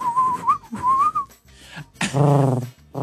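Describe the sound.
Someone whistles a pigeon imitation: two wavering, gliding whistled phrases, then a short breathy pause and a lower, throaty hooting coo. No talking.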